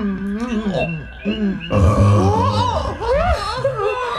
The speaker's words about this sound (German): Nun hat er seinen kleinen Rülpser gemacht, ne? Och, macht ja nichts. Was raus muss, muss raus, sag ich immer.